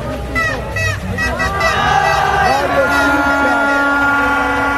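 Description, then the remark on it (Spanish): Parked cars blare their horns in overlapping, sustained blasts with a steady mid-pitched drone outside the Ecuadorian national team's hotel at 10:50 at night, layered over a loud, continuous crowd hubbub of shouting and chanting voices, including insults. “Carros estacionados hacían esta bulla en los exteriores del hotel de concentración.”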